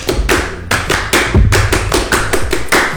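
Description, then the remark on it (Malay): A group claps out the Indonesian Pramuka scout clap (tepuk pramuka), sharp loud claps falling in quick pairs and short runs with brief pauses between, around a dozen beats with no talking. “Oke, tepuk pramuka.”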